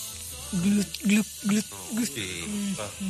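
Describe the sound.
A soft, sustained fizzing hiss of a cold can of Coca-Cola being cracked open runs beneath a man's short, repeated voiced sounds, fairly quiet.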